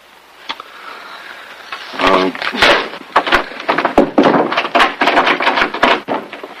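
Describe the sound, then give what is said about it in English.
Heavy thuds land again and again as a man rams his shoulder and hip against a stuck wooden door, the rattling knocks coming in uneven bursts alongside his strained grunting and breathing. “… butts his shoulder and hip against the wooden door.”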